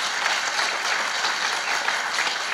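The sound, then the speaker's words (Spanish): An audience applauds steadily, a dense wash of many hands clapping at an even, sustained loudness for a couple of seconds, with no voices rising above it. “Denle fuerte aplauso por ese amor tan grande.”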